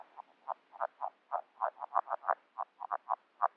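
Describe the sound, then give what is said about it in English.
A chorus of red-legged frogs calling underwater during their February breeding season, recorded with a hydrophone in a half-frozen, restored wetland, with many short, muffled knocking croaks overlapping in an irregular, busy rhythm. The calls are steady, with no voices. “A chorus of randy red-legged frogs, recorded with a hydrophone during their breeding season in February in a half-frozen wetland that I helped to restore a couple of years back.”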